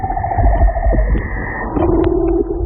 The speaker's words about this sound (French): Alors ça, c'est l'exemple du chant d'un léopard de mer. Chez cette espèce de phoque, chaque individu utilise les 5 mêmes notes, mais les agence de façon unique pour composer une mélodie qui lui est propre.